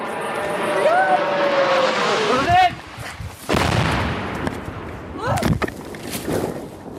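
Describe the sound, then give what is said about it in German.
A Russian drone's hissing engine rushes in within seconds, a thin whine rising above broad roaring noise, broken by several sharp, loud bursts of sound while voices shout underneath. The drone passes a few hundred metres away and strikes a nearby railway line. “Dann ertönt ein zischendes Motorengeräusch. Innerhalb von Sekunden kommt es näher.”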